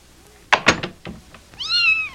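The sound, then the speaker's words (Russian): A kitten gives one clear, high-pitched meow, drawn out for about half a second, just after a few quick thumps and knocks. “какой хорошенький котеночек.”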